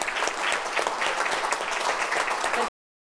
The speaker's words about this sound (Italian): Facciamo un applauso,